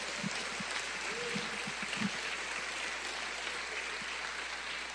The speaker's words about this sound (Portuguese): Ele nos libertou. Vamos dar um aplauso ao Senhor.